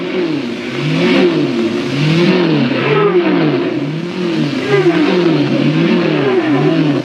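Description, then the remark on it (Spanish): Several race car engines rev loudly together at the start of the Gran Premio de la Vuelta al Mundo race, their pitch rising and falling in quick repeated waves, a continuous roaring drone with no voices. “¡Arranca!”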